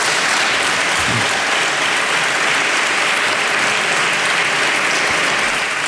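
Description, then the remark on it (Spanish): Sustained applause from a large group in the chamber of the Parliament of La Rioja during the president's speech at the first session, dense and steady clapping at a loud, even level for the whole stretch, with no voices standing out. “Bueno, pues unos aplausos, como decimos, en el Parlamento de La Rioja, si era como comenzaba este discurso del presidente en esta primera sesión”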